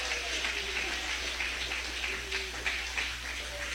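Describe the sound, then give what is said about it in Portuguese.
An audience at a church service applauds to give glory to the name of the Lord, a steady, dense wash of many hands clapping, continuous and fairly even in loudness throughout, with no voices standing out. “Pode bater palmas e dar glórias ao nome do Senhor.”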